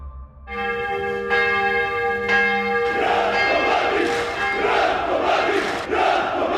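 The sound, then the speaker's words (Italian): A church bell tolls with long ringing harmonics, then a large crowd swells in with loud collective chanting and shouting, the bell still resonating underneath, at the funeral of the former Bosnian Serb general Ratko Mladic in Belgrade, Serbia. “Una folla si è radunata a Belgrado per i funerali”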